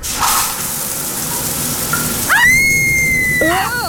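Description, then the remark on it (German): Shower water runs with a steady hiss. Partway through, a high squealing whistle rises, holds for about a second, then dips away. “und auch die Dusche.”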